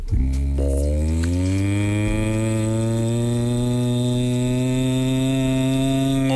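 A cow lets out one long, loud, low moo that swells at the start and then holds steady for several seconds, with no voices around it.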